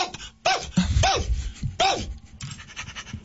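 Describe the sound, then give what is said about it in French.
A dog barks in several sharp, rising-and-falling bursts, with rough panting-like breaths between them and no one talking. “Là, le chien réagit énormément, puis tout est beau.”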